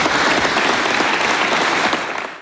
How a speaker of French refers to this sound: Les applaudissements pour Emmanuel Macron, vous l'avez entendu